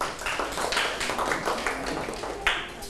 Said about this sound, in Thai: โอ้เก่งมากปรบมือให้ตนเอง